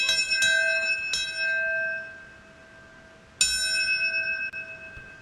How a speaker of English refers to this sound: And in New York City, a ceremony took place at the 9/11 Memorial and Museum to remember those devastating attacks 25 years ago. Seven bells rung out to honor those who passed away from health complications related to the attacks.